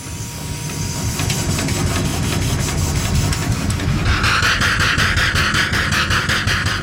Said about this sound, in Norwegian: Kan ikke vi få høre litt på denne motoren? Det så flott å høre på dampmotorer. Det ikke så sjelden vi gjør det I dag. La oss høre litt på motoren her nå.